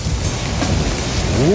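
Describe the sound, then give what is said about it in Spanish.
Steady, dense rain falls in a continuous hiss with no pauses, fairly loud, and a brief rising tone slides in right at the end. “Sentí la lluvia.”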